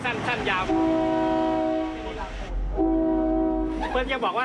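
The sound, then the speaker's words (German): A train horn blasts twice, each a long, loud, steady chord lasting over a second, separated by a brief pause, with a low engine rumble beneath and a voice speaking before and after. The driver stops just short of a station at a passing point on the line and sounds the horn twice to signal that the train is stopping. “Wenn wir ausweichen müssen, halten wir kurz vor dem Bahnhof und hupen zweimal.”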